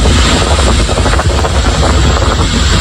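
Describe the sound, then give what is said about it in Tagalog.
Thick volcanic ash from Mayon Volcano falling heavily on communities in the third district of Albay, Philippines: a loud, unbroken hissing roar with a fine, dense patter running through it and a deep rumble underneath, steady for the whole stretch with no voices. “Dinig ang malakas na tunog sa pagbagsak ng makapal na abo sa ilang lugar.”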